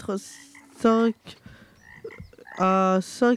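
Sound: frogs croaking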